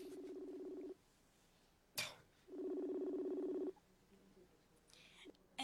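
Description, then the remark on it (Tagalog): Cellphone dialing tones as someone places a call: two long, steady electronic beeps about a second apart, separated by a sharp click, moderately loud, with faint rustling near the end. “Tawagan ko siya.”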